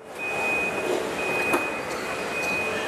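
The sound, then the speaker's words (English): Robotic machinery in a Chinese electric vehicle factory drones steadily with broad mechanical noise and a thin, continuous high-pitched electronic whine, broken by one brief clank midway, as robots wheel car frames between stations and assemble the vehicles; no voices. “Robots wheel the car frames along the ground between different stations, where more robots piece the rest of the electric vehicle together.”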